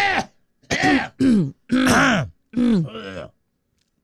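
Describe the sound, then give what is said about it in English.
A person imitates throat clearing, making a series of about five loud, guttural voiced bursts with brief pauses between them, then falls silent. “somebody's clearing their throat the whole day”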